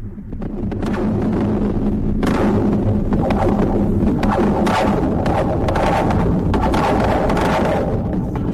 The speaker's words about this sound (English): This is a bridge. The Golden Gate Bridge in San Francisco. It was recorded by musician Jody Rose. She puts contact microphones right on the cables and support towers of bridges, and this is what they record.